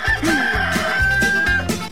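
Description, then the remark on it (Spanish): A rooster crows loudly, its strained, pulsing call filling the short moment with no voices present. “Cantó el gallo, va a ser bueno, dijo.”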